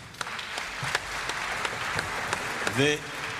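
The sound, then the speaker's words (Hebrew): Steady crowd applause, a dense wash of many hands clapping at an even level, with a brief voiced exclamation or cheer rising over it near the end. “מחיאות הכפיים הם לכם.”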